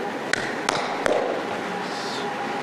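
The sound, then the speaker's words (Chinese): Three sharp knocks on a door in the middle of the night, evenly spaced about a third of a second apart, fairly loud over a faint background hum. “咱俩的关系不用矫情，这个直接敲门没关系。”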